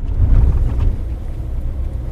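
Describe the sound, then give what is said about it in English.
A pickup truck rumbles along a dirt road on the Fort Mojave Reservation, its low engine drone steady, easing off slightly as it slows and parks by a pump that takes water from the river, with no voices. “Williams parks his truck on the dirt road to visit the pump”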